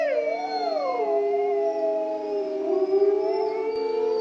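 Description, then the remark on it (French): Several wolves howl together in long, overlapping tones at different pitches. One voice slides downward early on, then the chorus holds steady, wavering notes for the whole stretch with no talking. “Donc, ils vont faire des hurlements et chaque individu a sa propre signature.”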